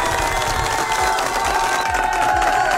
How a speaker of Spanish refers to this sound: ¡Fuerte los aplausos para ese cumpleañero, por favor!